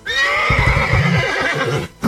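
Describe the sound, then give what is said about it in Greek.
A horse neighs loudly, one long shrill whinny that wavers for nearly two seconds before cutting off abruptly, with no one talking. “Είμαι άλογο.”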